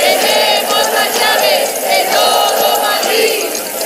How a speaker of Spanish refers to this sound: Es el sonido de las llaves que los manifestantes agitaban a la vez que coreaban consignas contra los fondos buitre.